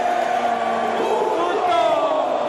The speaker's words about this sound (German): Der gegnerische Torwart bereitet einen Abstoß vor. Der Geräuschpegel der eigenen Fans schwillt an und mündet in einen kollektiven Schrei.